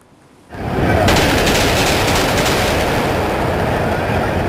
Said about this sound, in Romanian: Panică în cea mai cunoscută intersecție din lume. Mai multe focuri de armă s-au auzit în Times Square din New York